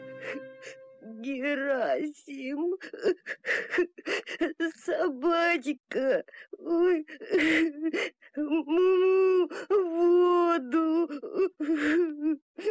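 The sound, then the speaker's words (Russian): A voice speaks in a choked, tearful way, breaking into gasps and whimpering sobs between words, imitating a calf crying bitterly with its nose buried in a book. Fairly loud, with sobs running through the speech. “Вернувшись домой, волк увидел, что теленок уткнулся носом в книгу и горько плачет.”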